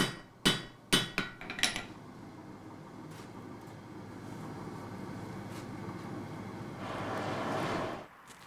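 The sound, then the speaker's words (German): A blacksmith's hammer strikes metal five times in quick, uneven succession in a fully functional traditional forge at a museum, each blow sharp and ringing. Then a steady low rumble continues, swelling with a hiss before stopping abruptly. “Im Museum gibt es auch eine traditionelle Schmiede, die noch voll funktionsfähig ist.”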